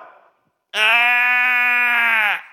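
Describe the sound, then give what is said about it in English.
A single long, loud sheep bleat rings out after a brief quiet pause, a steady nasal cry lasting under two seconds, with no talking over it. “What's the bleeding of sheep I hear?”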